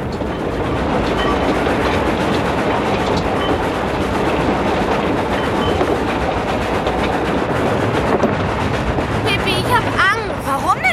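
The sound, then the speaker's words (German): A moving train rumbles and clatters steadily over the rails, a dense, continuous roar with faint rhythmic clacking. Loud throughout, with a brief higher squeal toward the end. “sprangen auf die Eisenbahn, denn sie tun fast immer, was Pippi sagt. Dann kletterten sie auf das Zugdach.”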